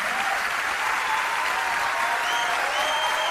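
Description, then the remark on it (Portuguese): Steady, dense applause from a sizable audience for a saxophonist who accompanied the singer, many hands clapping at once in a continuous wash of sound that holds at an even level throughout with no voices standing out. “Pode aplaudir, gente.”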